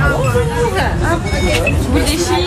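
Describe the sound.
A steady murmur of many overlapping visitors' voices at the entrance of the Foire Comtoise fair as the first visitors' tickets are scanned, a busy crowd babble with low rumble underneath and occasional clearer voices rising out of the mix.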